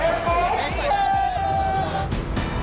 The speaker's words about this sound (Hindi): कांवड़ यात्रा बैद्यनाथ धाम जाने वाले कांवड़ियों से भरा पंडित दीनदयाल उपाध्याय जंक्शन, हर हर महादेव के जयकारों की गूंज।